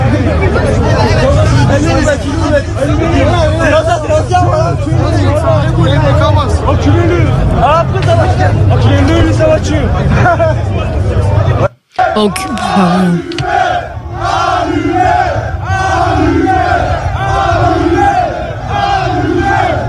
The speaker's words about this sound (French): Enfin, je sais pas si on peut écouter des extraits de qui ont été diffusés de ces échauffourées hier ou de ces émeutes.